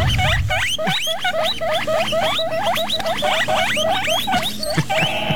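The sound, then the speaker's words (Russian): A dense chorus of many guinea pigs squealing at once, high rising and falling whistles overlapping continuously and loudly, with faint rustling and shuffling below and no talking. “теперь представьте, если их будет очень много, этих самых морских свинок, и все они будут в одном месте.”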